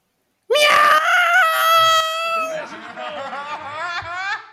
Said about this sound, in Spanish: Un gato al que pillaron una pata. Un sonido que yo no me gusta nada.